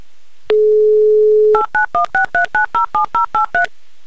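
A steady dial tone hums for about a second, then gives way to a quick run of eleven evenly spaced touch-tone beeps as a number is punched in to call a listener in Kraskovo, near Moscow, each a short two-note chirp.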